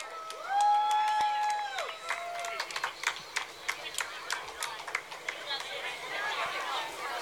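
Scattered outdoor applause from a crowd at a community parade in Ralston, Nebraska, greeting the parade marshal, with uneven claps popping throughout, mixed with cheering and chatter, and a brief tonal whoop or whistle near the start.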